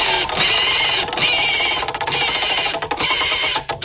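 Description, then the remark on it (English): A spinning prize wheel called the pig rattles loudly, its pointer clacking against the pegs in a rapid, dense ticking that turns choppier and more broken toward the end, with no voices; it is spun to pick one of three story topics. “All right, let's spin that pig.”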